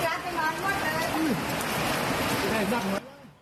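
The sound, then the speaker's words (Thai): Loud, steady rush of fast-flowing flash-flood water coming down from the hills after heavy rain since 6 pm on 7 September 2569, the second flood, too strong to walk through; a dense roaring wash with people talking over it, ending abruptly near the end and leaving quieter background. “น้ำกำลังไหลจากดอยเลยนะครับฝนตกหนักตั้งแต่6โมงเย็นวันนี้นะครับวันที่7กันยายน2569ครับรอบ2แล้วนะครับน้ำตรงนี้ไหลเที่ยวจริงๆนะฮะเราเดินไปนี่แทบจะไม่ได้นะฮะ”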